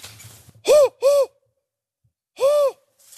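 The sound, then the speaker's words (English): A person imitates a spotted owl to call one in, on a reservation of steep canyons and gullies: three loud hoots, two quick ones in succession, a pause, then a third, each a rising-and-falling voiced call. “Oh, so you do actually just do the hooting yourself? For spotted, yes.”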